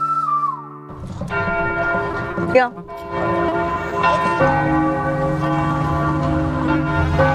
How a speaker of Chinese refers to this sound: 城市有钟声也是好的哈， 很多古老的城市才会有这种露天的钟声。